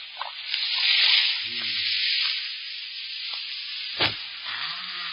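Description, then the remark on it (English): A steady, loud fizzing sizzle of white powder dropped into a kettle of boiling water, with bubbling pops throughout and one sharp crackling burst near the end. “It explodes in the boiling water.”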